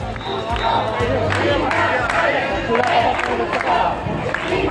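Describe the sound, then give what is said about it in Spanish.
An angry crowd shouts at a protest against immigrants in Ceuta, Spain, crying "expulsión, invasores" as they break a police cordon to reach the Playa del Trampolín: many voices yell and clamor together in a loud, continuous roar, with sharp bursts of cries and scattered bangs breaking through the din. “Al grito de expulsión, invasores, un grupo de personas ha roto el cordón policial para acceder a la playa del Trampolín, lugar donde están durmiendo cientos de esos inmigrantes.”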